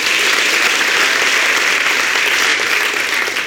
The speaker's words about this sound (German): Dein Applaus